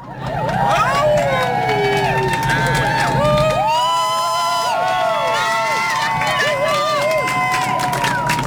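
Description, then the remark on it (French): A crowd cheers and applauds the stewards (service d'ordre) steadily for several seconds, a loud wash of clapping threaded with overlapping high shouts and whoops, with no single voice standing out. “Donnez-leur de la force.”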